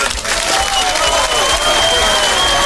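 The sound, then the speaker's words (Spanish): Steady applause from a crowd, dense clapping filling the whole stretch at a consistently loud level, with a faint sustained whistle-like tone running through it; applause for Chincho Fercho on the radio station La Que Buena. “Y un aplauso para el Chincho Fercho, que por fin pudo quitar del aire al Cheto.”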